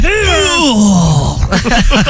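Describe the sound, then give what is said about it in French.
A voice imitates a man's loud moaning cry during sex, a single drawn-out groan that slides downward in pitch, followed by a brief stretch of talk. “Mais t'es déjà tombé sur des mecs qui poussaient des cris.”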